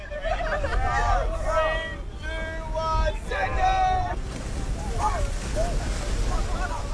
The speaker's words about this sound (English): It's 6 a.m. and I've just got down to the beach here in Newcastle. It's dark, windy and cold. But dozens of young people are stripping off into their swimmers and cannonballing into the Merriweather ocean baths.